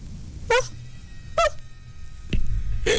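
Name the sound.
voice imitating a dog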